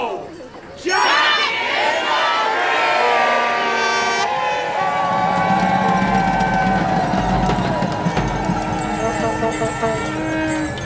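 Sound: crowd cheering and shouting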